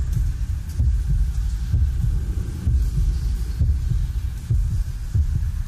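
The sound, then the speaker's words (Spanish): A deep, muffled heartbeat thumps steadily, its low double pulses repeating about once a second over a dull, rumbling hum, with no voices. It is presented as the heartbeat of the Minotaur inside the womb of his mother, Queen Pasiphae. “Son los latidos de Minotauro dentro del vientre de su madre, la reina Pasifae.”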